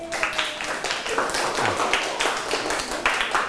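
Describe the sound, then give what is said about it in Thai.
A group of students in a lesson clapping for themselves after answering all ten questions correctly, a dense, steady patter of many hands lasting a few seconds with irregular sharp claps throughout and no one speaking. “ใครตอบถูกหมดทุกข้อบ้างครับมีไหมเอ่ยโอ้มีหลายคนเลยปรบมือให้ตัวเองดังๆเลยครับ”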